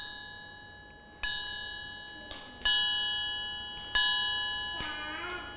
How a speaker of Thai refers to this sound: ระฆังสามเหลี่ยมใช่ไหมคะ